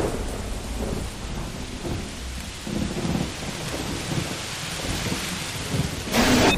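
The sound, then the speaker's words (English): Steady rain pours down in a broad, hissing wash while low thunder rumbles roll through in Rumpin, Pahang, Malaysia, with a louder burst of downpour near the end. No voices are present. “Feel the relaxing ambience of nature in Rumpin Pahang.”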